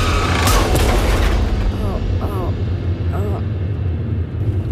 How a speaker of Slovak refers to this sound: Ale na poslednú chvíľu strane volant na bok. A narazí do zvodidiel.